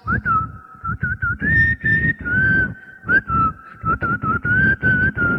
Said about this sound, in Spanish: De repente escuchó un silbido. Una persona que iba cantando.